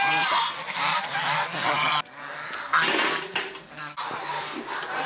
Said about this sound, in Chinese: 我的成功数只有60%，而且现在我养这个鹅哈，吃草的鹅